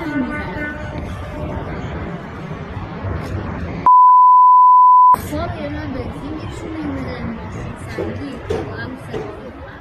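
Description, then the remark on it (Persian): Drivers blare car horns in protest at a gas station in Fardis, Alborz province, Iran, amid a noisy crowd of voices and general commotion, with a long held horn tone at the start. A steady electronic beep briefly cuts through midway. “ویدئوی دیگری که به ایران اینترنشنال رسیده بوق زدن اعتراضی شماری از رانندگان در یک پمپ بنزین در فردیس در استان البرز را نشان می‌دهد.”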